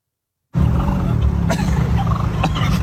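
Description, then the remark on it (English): Loud, dense burst of gobbling from three turkeys harassing a man in Canada, rough rattling calls overlapping continuously with a few sharper clicks, cutting in abruptly after a brief silence. “And three turkeys decide that he needs to be messed with in Canada.”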